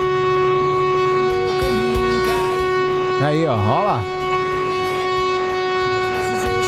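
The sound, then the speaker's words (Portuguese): A loud, sustained horn blares steadily for the whole stretch during a group horn-honking event, with a brief spoken remark and a wavering, warbling voice rising over it about halfway through. “Esse é o nosso buzinaço pra você participar com a gente. Tem que dar uma buzinada.”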